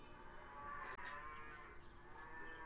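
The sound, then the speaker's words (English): A royal cow being offered for sale moos in one long, sustained low bellow that carries through the whole moment, loud with a droning, harmonic tone. “She's the royal cow.”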